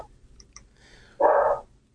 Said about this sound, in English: Let your dog bark a little bit. Okay.